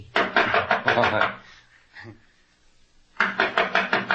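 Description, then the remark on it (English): Two bursts of quick, evenly spaced knocks on a door, each a rapid run of firm raps, separated by a pause with a faint brief sound in between. “I'll knock on the door.”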